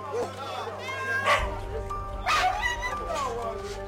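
dogs barking and yipping

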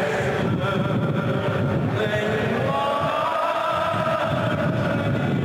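strong wind

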